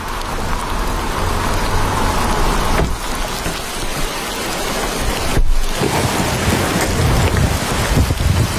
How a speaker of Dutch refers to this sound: Als we de auto het gevangenisterrein oprijden, slaat de regenbui om in een wolkbreuk.